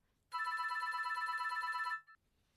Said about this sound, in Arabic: ردي على الهاتف. أوه، حسناً، أنا آتية.